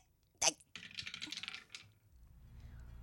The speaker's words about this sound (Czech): Hele, já vemu kostka. No dobře. A já hazu, jo?